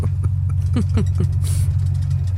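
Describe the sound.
A steady, low engine drone idles throughout, heard from inside a bus with a constant rumbling hum, while brief murmured voice fragments surface faintly over it.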